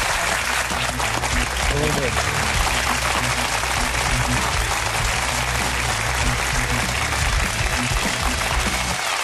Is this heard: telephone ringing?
no